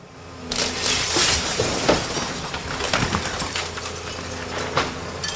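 Demolition by Trafikverket, the Swedish Transport Administration, of about 20 houses and buildings in Skellefteå that stand in the way of the Norrbotnia railway: a steady crunching roar of breaking wood and shattering glass, with repeated sharp cracks and splintering bursts over continuous heavy rumble, and no voices.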